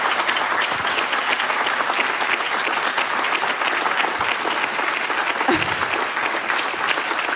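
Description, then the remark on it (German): A live audience at Münsterplatz in Bonn bursts into sustained applause, a dense, steady roar of many hands clapping at an even loudness for several seconds, with no one speaking over it. “Vielleicht können Sie sich auch mal melden, dass unsere Hörerinnen und Hörer ein Gefühl dafür kriegen, in welcher Situation wir uns befinden, mit einem großen Applaus.”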